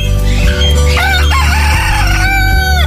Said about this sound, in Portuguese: Godofredo tá de volta, hein? Canta galo velho. Canta galo sem nome. Canta Godofredo.